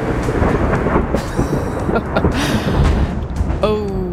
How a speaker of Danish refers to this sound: Ja. Masser af torden, byer, 443 lyn over Danmark.